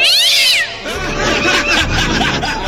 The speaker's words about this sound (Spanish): Ah, un sonido de gata. Acá tengo un sonido de gata.